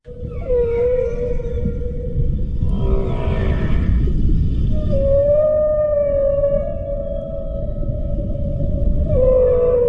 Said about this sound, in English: Right, that there is the sound of a southern right whale. A southern right whale.